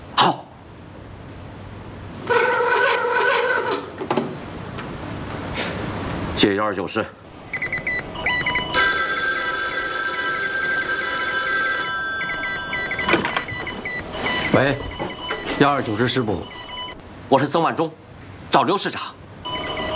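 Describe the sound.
A telephone rings in one sustained, bright burst lasting several seconds, set between stretches of people talking; it is a call to the 129th Division headquarters from Third Army commander Zeng Wanzhong.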